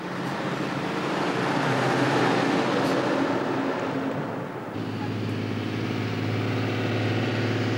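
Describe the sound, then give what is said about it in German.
A heavy truck, driven by Walter Wagener to bring his fairground wagons to the festival ground, rumbles steadily along the road, its engine drone and rolling noise filling the scene. Partway through, the sound settles into a lower, even hum. “Dreimal wird Walter Wagener die gleiche Strecke fahren, bis er alle seine Wagen auf dem Festplatz hat.”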